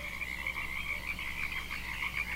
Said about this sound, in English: I'm listening to the birds, the frogs. They sound pretty copacetic.